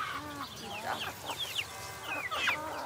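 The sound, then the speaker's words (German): Several chickens cluck and chatter in short, overlapping bursts, with a steady low background hum underneath. “Und auch Hühner und bis 20 Stück und ein Hahn.”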